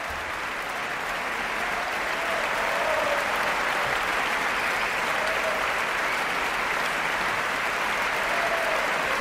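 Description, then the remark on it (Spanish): Sustained, dense applause from a large concert audience giving an ovation to the Orquesta Nacional de España as conductor David Afgan comes out again to bow. A steady roar of clapping holds at full strength throughout, with no voices standing out. “Gran ovación para la Orquesta Nacional de España.”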